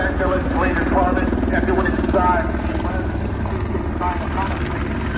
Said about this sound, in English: if you're going to go with the making announcements from the chopper, you have to have a better system